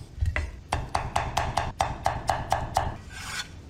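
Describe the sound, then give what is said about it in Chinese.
A knife dices a few slices of pickled radish into small bits on a cutting board in a quick, steady run of about a dozen crisp chops, followed by a short scraping rub at the end; no voices. “准备酸萝卜几片，切成颗粒备用。”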